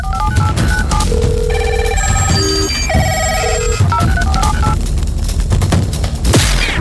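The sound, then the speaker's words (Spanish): Electronic telephone ringing in repeated bursts of bright tones, loud, over a dense, booming background bed with occasional sharp hits, in a station jingle for radio station X92.1 from Santo Domingo, Dominican Republic; no one speaks. “X92.1, honramos el invento que logró conectar al mundo entero.”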